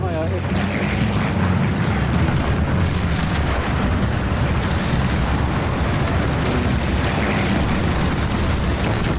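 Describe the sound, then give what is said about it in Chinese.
Heavy, continuous rumbling of Soviet artillery shell explosions raining down on five tanks charging from a wood into a valley, deep booms blending into a dense, loud barrage that barely lets up across the whole stretch. “苏军的炮弹像下雨一般朝我们倾泻而来”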